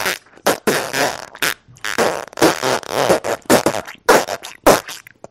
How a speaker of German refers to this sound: Nun hört ihr die Geschichte vom Pupsen.